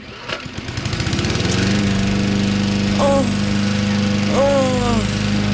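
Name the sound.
lawn mower running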